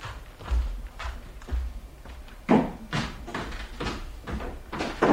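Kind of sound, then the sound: household object, door opening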